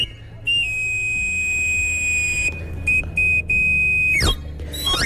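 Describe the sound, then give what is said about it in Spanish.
A knife grinder's whistle call, as once heard in the Madrid de los Austrias area of Madrid, Spain: a shrill, piercing pipe holds one high note with a few brief breaks, then swoops sharply down the scale and climbs back up. “Por el Madrid de los Austrias se escuchaba hasta hace poco este reclamo.”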